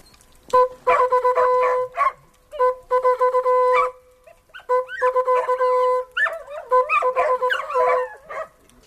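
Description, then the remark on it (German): A brass hunting horn plays the hunting signal for a dead fawn, loud: bursts of quick repeated notes, then longer held tones, ending in a rising and falling run of notes. “Kitz tot”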